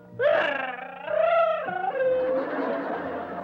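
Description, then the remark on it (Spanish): Kiko wails and cries loudly, a sustained, wavering howl that rises and dips in pitch with barely a pause, continuous for a few seconds. “Chavo, Chavo, ¿tú sabes por qué está llorando Kiko?”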